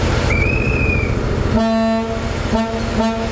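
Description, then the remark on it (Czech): A thin, high whistle sounds, then the horn of the historic Delfín diesel train set on a sightseeing ride on Czech rails gives one longer blast followed by two short toots, all over a steady low engine rumble as the train departs. “Historickou dýzlovou soupravu Delfín můžete na českých kolejích potkat až do neděle, kdy se z Prahy bude vracet přes Liberec do Německa.”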